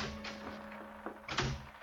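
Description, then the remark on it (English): A few sharp raps on a ship's cabin door at 10 o'clock at night, spaced irregularly, over a steady low hum. No one speaks. “At 10 o'clock that night, there was a rap on my cabin door.”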